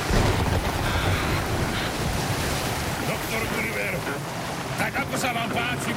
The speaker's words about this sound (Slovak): Vietor driapal plachty a vlny ako veľké hory sa prevaľovali cez palubu. Loď poletovala po rozbesnenej hladine ako škrupinka.